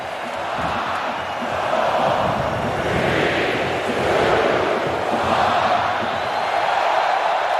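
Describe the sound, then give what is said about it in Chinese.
A huge stadium crowd at the 2026 World Cup shouts together in a steady, loud roar, counting down in unison to kick-off of co-host Canada's first Group B match against Bosnia and Herzegovina, the massed voices swelling and easing every second or so. “观众朋友们，随着现场所有观众一同倒数，2026年美加墨世界杯在 B 组联合东道主加拿大队的首场比赛正式开始了。”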